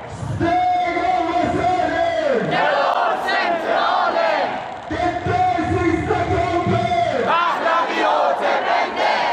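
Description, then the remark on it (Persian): A large crowd of protesters at a rally chants slogans against the Islamic Republic and in support of Prince Reza Pahlavi, calling for Iran's freedom and an end to crackdowns; loud and continuous, with two long rhythmic phrases repeated, the massed voices rising and falling together. “معترضان با سر دادن شعارهای علیه جمهوری اسلامی و در حمایت از شاهزاده رضا پهلوی خواستار آزادی ایران و پایان سرکوب‌ها شدند.”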